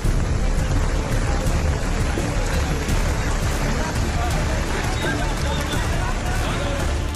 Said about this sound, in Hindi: अब नालासोपारा में भारी बारिश के बीच रेस्क्यू ऑपरेशन की तस्वीरें देखिए। नालासोपारा के सुधाम नगर में तेज बारिश से जलभराव हो गया जिसमें कई लोग फंस गए। सूचना पर पहुंची रेस्क्यू टीम ने लोगों को पानी के बीच सुरक्षित निकाला।